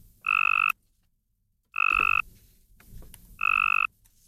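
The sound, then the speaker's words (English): A male Cope's gray tree frog calls in three short, buzzy trills, each about half a second long and evenly spaced, loud with quiet gaps between. “Researchers at the University of Tennessee in Knoxville have just released their findings in a study of female tree frogs confronted with a tricky choice between this...”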